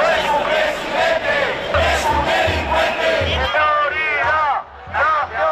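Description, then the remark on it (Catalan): A large crowd at the March for Dignity protest, called by the Societat Civil Espanyola platform, shouts in unison. Loud, repeated bursts of rhythmic slogans, insults and xenophobic cries demand Sánchez's resignation over a dense wash of voices, with a steady pulsing beat underneath the chanting. “En proclames com aquestes, insults i crits xenòfobs, els manifestants han exigit la dimissió de Sánchez.”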